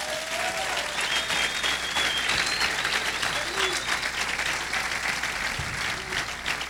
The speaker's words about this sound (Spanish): Pueden aplaudir al Señor en esta noche.